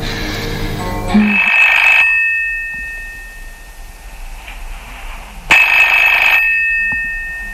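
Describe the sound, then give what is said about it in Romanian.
A telephone line rings in two loud, buzzing bursts separated by a few seconds of quiet as someone places a call, waiting for someone to pick up. No one speaks. “Trebuie să fac ceva. Să telefonez Lenuței, așa.”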